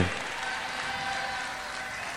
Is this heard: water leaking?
no